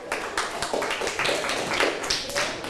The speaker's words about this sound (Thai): ปรบมือให้เพื่อนกลุ่มที่3ค่ะ